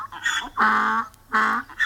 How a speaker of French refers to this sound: Mais c'est un âne! Il crie comme ça parce qu'il est attaché.